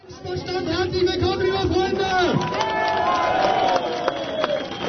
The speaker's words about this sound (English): Crowd cheers at an Alternative für Deutschland rally in the town of Querfurt. It's here in the region of Saxony-Anhalt that the far-right party is aiming to take power at a state level for the very first time.